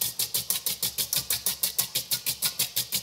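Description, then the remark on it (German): Rapid, steady whisking of zabaglione in a bowl, about six or seven strokes a second, making a loud rhythmic churning chug like an old washing machine, with a scratchy hiss on each beat and no talking. “Ja, das hört sich an wie Omas alte Waschmaschine, was du hier gerade machst.”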